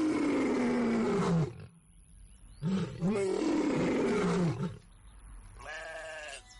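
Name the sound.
lion roaring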